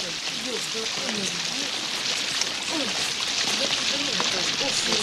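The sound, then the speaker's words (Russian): Heavy rain pours down in a steady, dense hiss that never lets up, with muffled voices murmuring faintly underneath. “Самый дождь, ты полчас промок, ты принесем там.”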